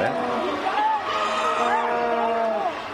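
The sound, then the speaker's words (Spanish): A large stadium crowd shouts and cheers nonstop after the match ends, a dense mass of overlapping raised voices holding loud and steady for about three seconds before easing slightly at the end. “Si le bajamos un poco porque hay mucho grito, se imaginan.”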